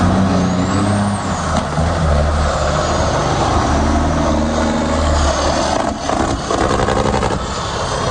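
Heavy truck engines roar continuously at the 38th truck fair in Barotte, MRC d'Abitibi, a deep rumbling drone with shifting low tones, loud and steady throughout with no voices present.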